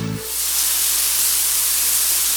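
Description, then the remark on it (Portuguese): A steady rush of water from a running shower starts after a brief low hum and continues as a constant bright hiss with no voices. “Um chuveiro ligado gasta, em média, 12 litros de água por minuto.”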